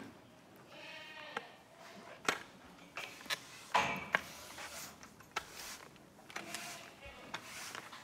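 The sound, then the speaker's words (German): Goats bleat in a stable at the Ziegenhof Rösebach goat farm in Thuringia, Germany, as they are being brought out. Several wavering, mid-pitched calls overlap one another, with sharp knocks and clatters breaking in between the cries. “Wir bringen jetzt erstmal die Ziegen raus, damit wir Platz im Stall haben, um unsere Trockensteher reinzuholen.”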